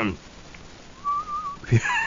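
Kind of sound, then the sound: human body sound, failed attempt at whistling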